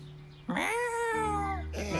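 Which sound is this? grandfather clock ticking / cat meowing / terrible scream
cat meowing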